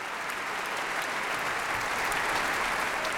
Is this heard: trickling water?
no